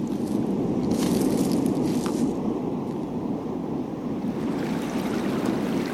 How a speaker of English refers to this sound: We've arrived at the cliff. Look at the sea. Its energy is deafening.